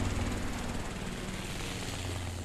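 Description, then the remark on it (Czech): A helicopter drones steadily in the distance over the sea, a continuous low engine hum with a faint rhythmic throb and a soft wash of noise, unbroken throughout and with no voices. “V dálce nad mořem vrčel vrtulník.”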